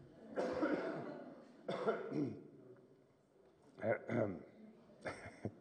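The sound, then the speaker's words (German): Several hard, forceful coughs come in bursts: two long harsh hacks, then a quick double cough and a final shorter one, loud with brief pauses between. “Und kurz dolle Husten muss ich.”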